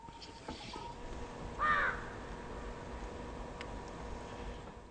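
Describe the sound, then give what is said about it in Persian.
A single harsh crow caw rings out briefly near the start, from crows that eat what is left of carcasses after the scavengers have fed, over a steady hissing background with no talking. “بعد از این که لاش‌خوارها سیر شدند، چیزی که از اینها به جا می‌ماند، آن را زاغ‌ها می‌خورند.”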